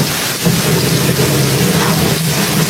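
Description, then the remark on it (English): A loud, steady storm with heavy rain hissing across everything and a deep, rumbling roar of thunder rolling continuously underneath, with no voices. “The storm, it seems to be getting worse.”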